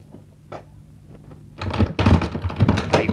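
door being opened

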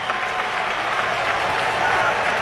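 stadium crowd cheering

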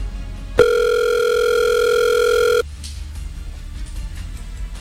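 phone call ringing tone

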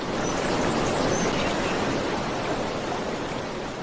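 river water flowing

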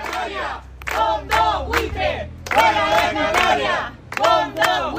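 neighbours shouting

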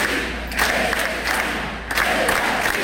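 crowd chanting slogans

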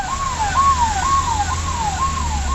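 ambulance siren

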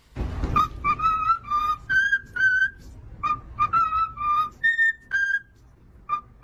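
cockatoo whistling Happy Birthday

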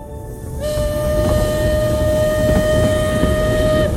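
train

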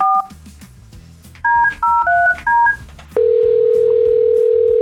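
telephone touch-tone dialing

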